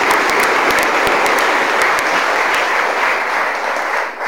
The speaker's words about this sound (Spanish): Les damos un fuerte aplauso a los nuevos personajes.